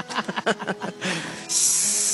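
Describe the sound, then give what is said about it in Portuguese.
A kettle lets out a loud, steady hiss of steam that comes on suddenly near the end, after a brief stretch of choppy, voice-like sounds. “Tá chaleira, tá aí.”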